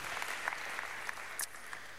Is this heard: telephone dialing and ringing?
no